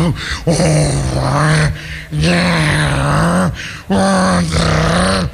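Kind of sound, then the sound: vocal imitation, voice imitating loud snoring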